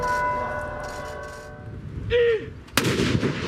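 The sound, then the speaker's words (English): In Oslo, Norway, a ceremonial cannon fires in tribute after the death of King Harald. A single loud, sharp blast booms out near the end, following a fading ringing tone and faint background rumble, with the shot's echo rolling on afterward. “Today in Oslo, cannons fired in tribute.”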